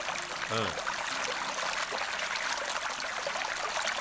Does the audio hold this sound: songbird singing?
no